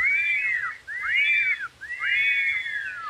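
A person whistles three sweeping phrases in a row, each rising then falling in pitch, clear, with brief pauses between them and no talking.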